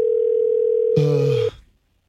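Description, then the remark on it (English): A steady, unbroken telephone dial tone hums for about a second and a half while a call is being placed. A brief voice-like sound briefly overlaps it near the end, then the tone cuts off abruptly into silence. “Hang on a second. I'm calling him right now.”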